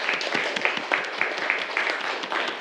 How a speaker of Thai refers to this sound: ปรบมือให้กับเพื่อนด้วยครับนักเรียน